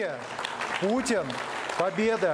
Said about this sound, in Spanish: Muchos no olvidan cómo cerraron en la Duma la anterior legislatura, con todos los diputados en pie y aplaudiendo el eslogan.